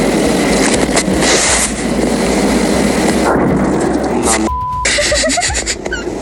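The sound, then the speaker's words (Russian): Heavy, rumbling blasts from a drone attack on the port of Ust-Luga on the Baltic Sea in Russia roll through a constant loud roar of noise, with a few sharper bursts standing out and what sounds like a faint voice near the end. “После серии мощных взрывов очевидцы увидели дым, который поднимался над портом Усть-Луга на фоне атаки БПЛА.”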